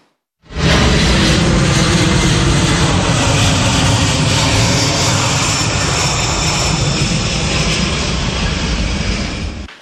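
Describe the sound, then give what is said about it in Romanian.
A US military transport plane's engines roar loudly and steadily as it lands in Russia in the afternoon, a dense, unbroken drone with a slight whine. No voices are heard. “O vizită surpriză la Moscova, un avion de transport al armatei americane a aterizat în Rusia în această după-amiază.”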